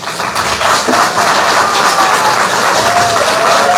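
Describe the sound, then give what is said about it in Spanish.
A crowd at an event at the Hospital Materno Infantil Germán Urquide claps loudly and steadily to welcome the hospital director, a dense, continuous wash of applause that holds at full level for several seconds with no voices over it. “a quien lo recibimos con un fuerte aplauso.”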